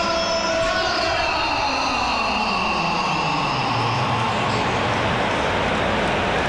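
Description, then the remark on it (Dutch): A loud, dense stadium crowd roars continuously as it reacts to Alvaro Carreras coming on in a match, mixing applause and booing, with shrill whistles streaking through and a steady wash of applause underneath, sustained for several seconds. “Het is een beetje een mengeling van de twee. Fluiten en applaus.”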